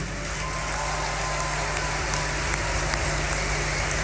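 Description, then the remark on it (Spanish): A festival crowd applauds a performer steadily, a dense wash of many hands clapping that holds at an even level for the whole stretch, with no voices standing out. “Un gran aplauso, por favor”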